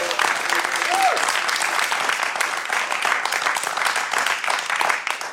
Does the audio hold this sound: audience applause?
yes